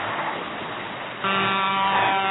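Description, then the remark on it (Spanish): Steady traffic rumble gives way to a loud, sustained car horn blast partway through, a single unbroken honk that carries on to the end as a car passes. “Ahí está la bocina. Ahí pasó uno, escuchá.”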